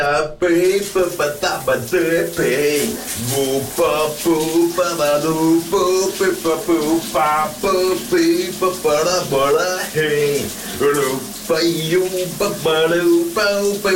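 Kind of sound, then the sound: household object, shower running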